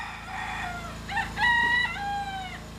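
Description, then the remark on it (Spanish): A rooster crows once in a long, drawn-out call with a rising and falling tone, clear, over a steady low mechanical hum in the background, in a village by the sea during the night. “O eran los generadores, o ladraba un perro, o cantaba un gallo.”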